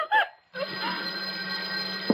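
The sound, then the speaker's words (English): An old telephone bell rings: a short burst, a brief pause, then a long, steady metallic ring that continues to the end, fairly loud. “You, farmer, go answer the phone.”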